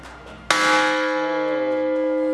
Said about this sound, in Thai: ตรงนี้เป็นระฆังระเบิดเป็นไฮไลท์สำคัญแห่งจุดหนึ่งของวัดลูกระเบิดสมัยสงครามโลกครั้งที่2นะครับเป็นลูกระเบิดตีทหารฝ่ายสัมพันธมิตรปืนเอามาทิ้งทำร้ายสะพานรถไฟ